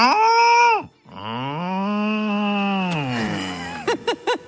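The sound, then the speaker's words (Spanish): A cow moos loudly, a short bellow followed by a long, drawn-out low moo, then a few quick clipped calls at the end. “La vaca.”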